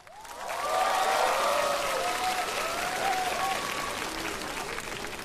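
Sustained applause from a large audience welcoming a singer and his guest singer to the stage of a singing contest swells within the first second and holds steady, with a few scattered cheers and whistles rising above the dense clapping as it slowly tapers.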